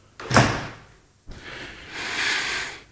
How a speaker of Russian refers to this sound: Так вот, дверь прикроем.